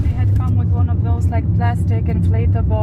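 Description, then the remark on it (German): A car carrying protest activists hums low and steady from inside the vehicle as it gets moving again after a short stop, with people talking over the constant rumble. “Nach einem kurzen Stopp geht's weiter.”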